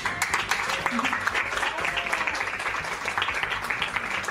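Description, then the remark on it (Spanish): An audience claps steadily throughout for all the association's collaborators at its 19th anniversary, a dense, crackling wash of many hands at an even, fairly loud level with no clear pauses. “Y para todos los colaboradores y todas las colaboradoras va este aplauso y este saludo de parte de Fray Rafael Pozo.”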